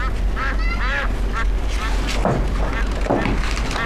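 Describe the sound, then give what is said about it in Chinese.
Two ducks at their coop quack in a series of short, nasal, harsh calls, some clustered together and others spaced apart, over a steady low rumbling background. “妈，鸭子窝收拾完了啊，那味儿老大了，这俩家伙能吃能拉的。”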